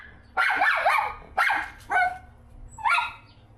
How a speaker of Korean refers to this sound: 아이고. 이거 짓고 있는 거예요? 네. 보호자는 찾는 거예요, 지금? 그런 것 같아요. 저렇게 짖으면은 옆에 있는 로이도 스트레스 받을 것 같아서.